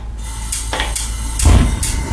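Dishes and cutlery clink and clatter at a dinner table, four or five sharp, bright knocks at uneven intervals over a steady low background hum, with no one talking.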